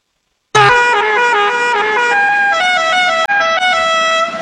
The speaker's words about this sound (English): That is Rodney Dangerfield's car in Caddyshack. Rodney Dangerfield pulling up to the country club with that horn in Caddyshack.